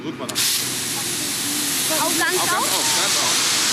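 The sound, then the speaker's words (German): A loud, steady hiss of water from a black hollow-jet fire hose nozzle, opened into a wide spray of fine droplets, starts abruptly as firefighters test nozzles and continues without pause, with faint voices briefly audible beneath the rushing spray. “Der Wasserstrahl weitet sich. Feine Wassertropfen wirbeln durch die Luft. Ein Sprühstrahl.”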